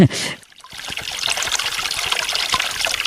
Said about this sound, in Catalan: Aquesta font, sota un arbre, baixem una mica per aeroport al carrer i tenim un empedrat i tenim doncs, aquesta bonica font on raja aigua.